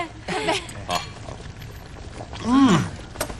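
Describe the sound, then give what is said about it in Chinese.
Glasses clink together in a toast, a few bright, quick taps mixed in with loud, cheerful voices calling out "ganbei" (cheers) in Mandarin Chinese. “碰一个， 干杯！”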